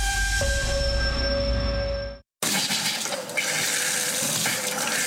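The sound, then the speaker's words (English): Loud rushing water with a faint hum runs steadily, then cuts off abruptly into a brief silence before another broad, hissing rush of water starts up. No one speaks. “When your water stops flowing, A1 Plumbing gets things moving again.”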